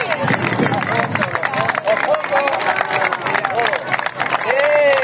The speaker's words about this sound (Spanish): Un año más, una cadena humana de personas han abrazado este fin de semana al Mar Menor. ¡Viva el Mar Menor! ¡Que siga limpio! ¡Un aplauso fuerte!